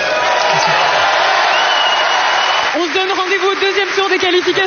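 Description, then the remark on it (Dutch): A full stadium crowd at Roland Garros applauds David Goffin after a first-round qualifying match, in a loud, dense wash of clapping and cheering, and after a few seconds someone starts talking over the continuing applause. “Voilà, een prachtig en welgemeend, heb ik de indruk, applaus voor David Goffin.”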